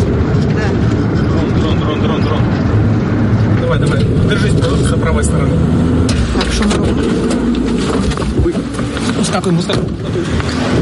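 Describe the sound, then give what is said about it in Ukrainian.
A car engine rumbles steadily as the car carrying an evacuation team pulls off after a drone strike and drives a few dozen metres in the centre of Kherson, a loud, continuous low drone with road noise throughout and muffled voices underneath. “Сідаємо у машину. Це після влучання дрона. Ми від'їжджаємо буквально на декілька десятків метрів і надходить сповіщення про дрон поруч.”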